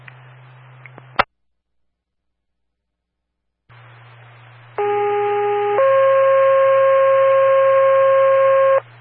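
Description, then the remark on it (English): Over a hissing, humming radio channel, a steady fire dispatch pager test tone for the Charlestown Fire District sounds for about a second, then shifts straight into a second, longer sustained tone, loud and electronic, after a sharp click and brief silence. “Charlestown Dispatch on the air, testing tones, monitors, and receivers for the Charlestown Fire District.”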